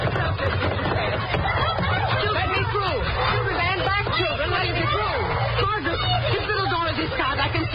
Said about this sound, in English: She's crying. Children, stop that screaming. Be still, every one of you. Be still.